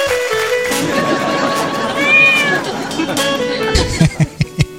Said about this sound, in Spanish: Saquen ese gato.